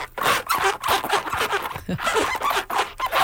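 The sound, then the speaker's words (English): A chair sliding back and forth on a plastic chair mat, making a continuous, gritty scraping with squeaky, zipper-like bursts and brief pauses, fairly loud and with no voices. “And you say this is actually you making this sound. Yeah, in my slides. Right, on your new little plastic chair mat.”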